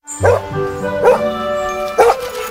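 A dog gives three short, yelping barks about a second apart, with a high, whining whimper lingering between them.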